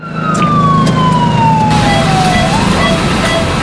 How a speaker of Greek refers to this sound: Ασθενοφόρο.